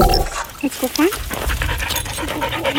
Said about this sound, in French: Voilà, ce chien-là qu'on entend est un héros australien et il vient de prendre sa retraite. Oui, il s'appelle Bear, curieux, vous me direz pour un chien, puisque Bear signifie ours en anglais, mais passons.